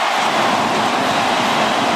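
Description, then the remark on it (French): A football stadium crowd roars in a dense, continuous wash of noise, loud and steady for about two seconds with no individual voices standing out. “On sent que le stade est en train de vibrer là, hein, et en train de vivre à une sacrée soirée.”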